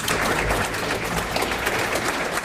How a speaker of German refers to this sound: Herzlichen Dank, ein dicker Applaus.